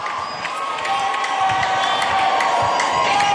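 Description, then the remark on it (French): A large crowd cheers and acclaims continuously, a dense roar of many voices with scattered shouts and whoops rising above a steady, loud wash of sound, as Pope Leo XIV appears at his lectern. “Et voilà, sous les acclamations de la foule, le pape Léon XIV qui vient de se présenter à son pupitre.”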